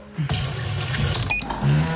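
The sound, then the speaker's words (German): Water pours steadily into the empty small plastic water tank of a coffee machine as it is refilled, a continuous splashing gurgle that rises slightly in pitch as it fills, with no one talking. “Erstmal Kaffee. Wassertank leer.”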